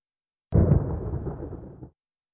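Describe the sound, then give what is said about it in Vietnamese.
A single sudden crack of a lightning strike effect for the ninja lightning technique Raijin no jutsu, loud, bursting in and then rumbling and crackling for more than a second before cutting off. No voices. “Raijin no jutsu. Còn câu này có thể hiểu là thuật sét đánh.”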